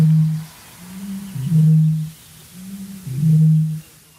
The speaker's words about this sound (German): Aber hier kommt der Gegner, die Rohrdommel, circa 8-mal größer als der Zaunkönig. Und Achtung, sie beginnt.